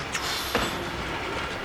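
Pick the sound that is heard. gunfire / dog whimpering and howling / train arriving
train arriving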